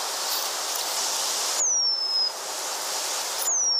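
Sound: eurasian penduline tit song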